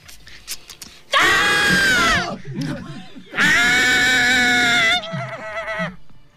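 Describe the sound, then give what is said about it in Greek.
Two loud, shrill screams from a white hare, each lasting over a second with a piercing, wavering tone, separated by a short pause with faint rustling and softer noises between and after. “Αν ένας λευκός λαγός σε κοιτάξει στα μάτια και αρχίζει και βγάζει μια κραυγή όπως αυτή που σας κάνω τώρα, ειλικρινά σας μιλάω.”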